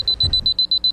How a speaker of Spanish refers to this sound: El despertador nuevo.